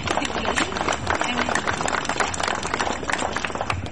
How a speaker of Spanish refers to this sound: Un aplauso.